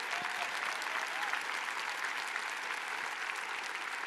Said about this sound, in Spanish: Vamos, dale un fuerte aplauso.